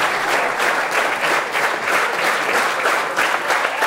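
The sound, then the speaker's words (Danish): Sustained applause from the audience in the hall at the opening concert of the Odsherred Chamber Music Festival, for Andreas Brandelid and four other musicians after music by Ernest Bloch, dense steady clapping with whoops and cheers mixed in, loud and continuous throughout with no talking. “Og hujende bifald her igen til Andreas Brandelid, fuldt af de fire andre musikere i salen her ved åbningskoncerten ved Odsherred Kammermusikfestival,”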